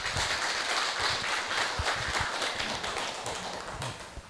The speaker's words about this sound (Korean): 큰 박수로 조사님을 모십니다.